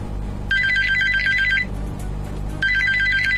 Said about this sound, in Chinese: 2015年冬夜，凌晨2点的电话让翟大龙瞬间惊醒